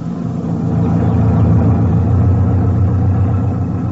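A jeep-type motor lorry's engine drones steadily while driving across the plains of East Africa at midday in hot weather, a continuous low rumble with a gritty mid-range roar, loud throughout with no pauses or voices.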